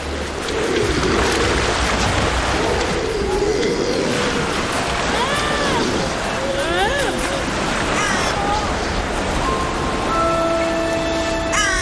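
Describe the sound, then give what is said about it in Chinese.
Crows caw in scattered harsh calls at a grey seal colony with newborn pups, over a constant wash of surf and colony noise, with other bird and animal cries mixed in and steady tonal moans near the end. “这位灰海豹母亲没有时间休息，稍不留神，乌鸦和海鸥就有可能对幼崽构成威胁。”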